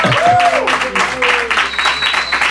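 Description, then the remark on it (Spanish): A burst of crowd applause welcoming a guest, loud, with dense clapping filling the whole moment and some whooping voices rising over it. “Un aplauso para ti, sí, sí.”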